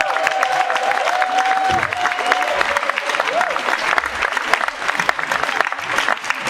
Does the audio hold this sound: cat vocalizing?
no